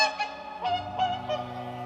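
Whooper swans at Tysslingen call in a run of bugling, honking notes, several overlapping voices rising and falling in quick succession, clear with no talking.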